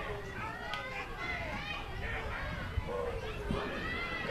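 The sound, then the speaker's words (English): A crowd full of children at a Wednesday matinee Front Range League baseball game keeps up a steady, busy babble of high-pitched chatter and calls, with a couple of brief thumps rising above the continuous murmur. “We got a lot of kids in the crowd today for this Wednesday matinee.”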